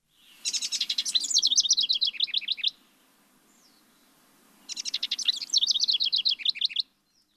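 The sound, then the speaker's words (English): Two loud bursts of rapid, high-pitched bird song from a Bird of the Year species whose population is now about 350, each a trilling run of chirps lasting about two seconds, separated by a short quiet gap with no talking. “The Bird of the Year distinction is well deserved all around by the bird and by the people who helped save it.”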